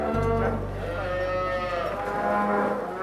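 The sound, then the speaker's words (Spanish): Several cows moo loudly on a farm as cows and their calves leave the barn to go out to pasture in April, long overlapping lowing calls that blend together over a steady low rumble, with no talking. “En la granja esto significa que el ganado sale a pastar en abril, después de pastar 4 meses en el establo.”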